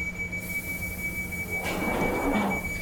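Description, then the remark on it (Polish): Train 523 on the Hammersmith and City and Circle Line pulls away from the station with a steady high-pitched wheel squeal over low rumbling, the noise swelling into a louder grinding rush partway through as it picks up. No one speaks. “Tango Sierra 523, ready to depart. Over. 523, clear to depart.”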